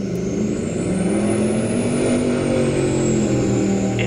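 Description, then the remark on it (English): A loud motorboat engine on a lake in the Shuswap roars steadily, its deep droning hum holding for several seconds with a rising and falling high-pitched whine over it, and no voices. “And a group in the Shuswap wants people to report loud boats on local lakes.”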